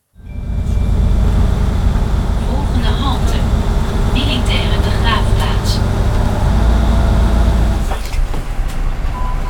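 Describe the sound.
A steady low engine rumble fills a moving bus as people board and ride it on the way to the Grebbeberg military war cemetery, with faint clinks and brief squeaks over the drone and indistinct voices in the background.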